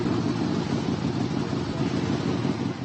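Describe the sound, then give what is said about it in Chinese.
A motorcycle engine, just fitted with a German part, idles steadily, a continuous low, throbbing rumble with a fast, even pulse and no speech over it. “这有一辆摩托车，刚换了个德国零件。”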